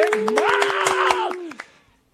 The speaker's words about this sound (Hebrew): כפיים לרב ירון.